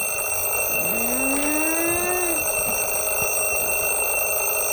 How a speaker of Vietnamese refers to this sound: Trời ơi, tắt báo thức đi em, đang ngủ mà.